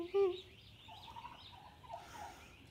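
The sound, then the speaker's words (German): A delighted hen gives a short burst of soft, throaty clucks at the start, followed by quieter warbling poultry murmurs and faint chatter over a low background hum. “Das ist so süß, wie die sich freut, die Henne, ne? Echt so. Also diese Geräusche und also sie ist ja wirklich so, oh Gott, entzückend.”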